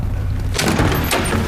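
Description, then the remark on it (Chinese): A door is opened: a few quick clunks and a rattling scrape midway through, over a steady low hum that fills the quiet start. “谁呀？ 开门。”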